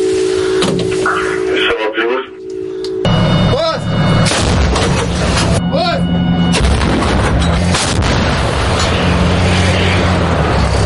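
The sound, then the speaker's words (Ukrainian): An artillery gun fires a shell toward enemy assault groups, a heavy blast that breaks into a loud, continuous roar and rumble, with warbling radio-like tones and muffled voices underneath. “Також необхідно дочекатися, поки перший снаряд впаде, аби аеророзвідка скоригувала наступний постріл, і можна знову насипати.”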